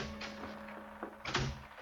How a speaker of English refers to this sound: At 10 o'clock that night, there was a rap on my cabin door.